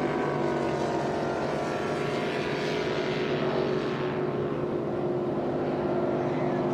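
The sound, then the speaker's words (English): A powerful V-bottom Velocity speedboat engine roars steadily, cranked up at high speed, a loud, continuous drone with dense harmonics that swells slightly as it passes, with no voices over it. “I can hear it over there, boy. It's cranked up, isn't it, Bob?”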